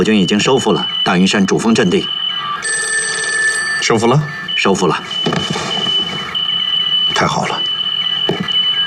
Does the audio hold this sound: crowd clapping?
no